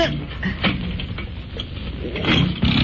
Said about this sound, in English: but I thought you were going to do something about starting the engine. Sarcasm, huh? Well, it has to get warmed up. I'll give it another try.